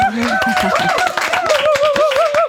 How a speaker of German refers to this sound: Applaus.